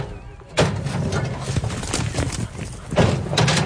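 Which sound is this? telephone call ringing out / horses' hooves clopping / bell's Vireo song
horses' hooves clopping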